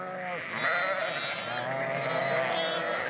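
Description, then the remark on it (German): Several sheep on a dike, at the end of lambing season, bleat continuously and overlapping, a loud wavering chorus of nasal, quavering calls with no pauses and no speech. “Stehen die Schafe erst einmal auf dem Deich”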